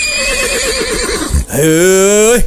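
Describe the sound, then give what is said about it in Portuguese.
A horse whinnies loudly, a shaky, wavering call followed by a strong, sustained neigh that rises and then drops off, with no talking. “nada de mexer no meu cavalo aí, hein?”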